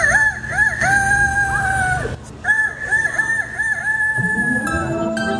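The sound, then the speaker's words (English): A 13-year-old boy imitates a rooster crowing, two long, loud, warbling cock-a-doodle-doo calls, with a lower rumble of background noise underneath and no speech. “It sounded like an actual rooster.”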